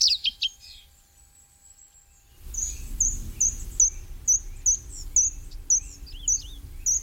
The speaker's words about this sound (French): c'est le rouge-queue à front blanc, qui lui est migrateur, alors que le rouge-queue noir est plutôt sédentaire chez nous. Le rouge-queue à front blanc, dont le mâle arbore des couleurs magnifiques.